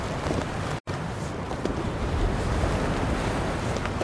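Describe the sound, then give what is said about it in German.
Steady ocean surf rolls in with a gusty coastal wind buffeting the microphone, a continuous full roar with one brief cut near the start and no voices. “Die salzige Luft des Meeres drang in seine Nüstern. Auf der sandigen Küstendünung verrotteten die Gerippe an Land geschleppter Schiffe.”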